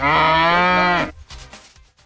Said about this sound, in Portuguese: você tá pondo um boi aí. Não tem nada a ver.